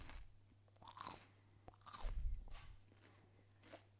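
A loud, close crunching bite into raw celery, followed by several wet, crisp chewing crunches in an irregular rhythm, with a steady low hum underneath and no talking.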